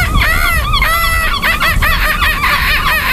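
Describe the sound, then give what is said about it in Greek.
A person imitates a seagull with a series of shrill, wavering squawks repeated rapidly over a few seconds, loud, with no actual bird present. “Μπορεί να κάνεις και το γλάρο.”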